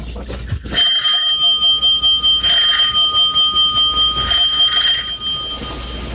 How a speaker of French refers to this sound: numéro 3 de la rue Bergère, à droite sous la porte cochère. Trois coups de sonnette, on ouvrira.